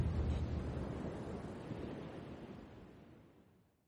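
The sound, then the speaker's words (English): Ocean surf washes broadly onto a beach at night, a dense rushing roar that swells early and slowly recedes and fades, with a touch of wind and no voices. “You can see the stars reflect off the wet sand and the waves try to hide them for just a moment, like the beach is trying to play peekaboo.”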